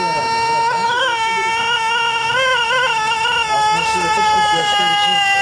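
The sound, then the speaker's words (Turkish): A Denizli rooster crows in one long, sustained call lasting several seconds, its loud, harmonic-rich tone wavering and stretching out steadily without any talking over it. “Denizli horozları uzun ve ahenkli ötüşleriyle dünyanın en dikkat çeken horozları arasında yer alıyor.”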